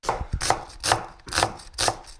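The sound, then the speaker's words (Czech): Steady rhythmic chopping of onions with a small kitchen cleaver on a cutting board, about four sharp, heavy blade strikes, each with a bright knock. No voices. “krájí cibule, ale kdybyste viděli, to není nůž, to je sekáček, to je malá sekerka kuchyňská.”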